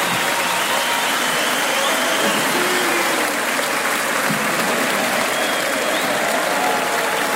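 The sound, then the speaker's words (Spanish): A crowd applauds steadily, a dense wash of clapping that holds at a loud, even level for several seconds without pause. “¡Dónde el aplauso!”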